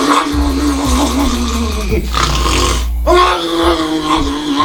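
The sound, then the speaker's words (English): A voice imitates a father's loud sleep-apnea snoring: two long, rough, rattling snorts with a low growling buzz, split by a brief gasping pause. “So my dad, he had sleep apnea. Yeah. And would snore. And it was like this.”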